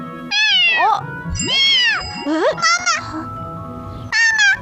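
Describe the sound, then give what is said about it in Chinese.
A kitten meows loudly, five high-pitched, plaintive cries in quick succession, then a short pause before one last mew, with no talking. “好可怜的小猫咪。”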